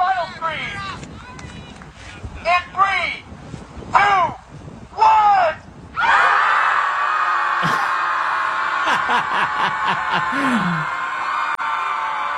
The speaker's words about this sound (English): I just walked past the Chicago Scream Club. They meet once a week to scream into the lake and relieve stress.